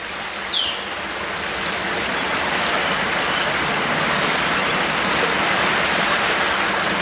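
Steady babbling water flows continuously, a broad even wash of sound with no pauses, moderately loud, with a faint high chirp near the start, heard from dense bushes, with weaverbirds chirping as they build nests.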